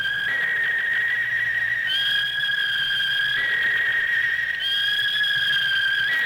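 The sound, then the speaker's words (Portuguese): A referee's shrill, high whistle sounds steadily for several seconds, loud and wavering slightly in pitch, over a faint crowd-like murmur with no talking, starting the second half of the Santa Cruz vs Brusque Série C Brazilian Championship match in Brusque, 0-0. “Primeiro apito do segundo tempo, Santa Cruz e Brusque 0-0”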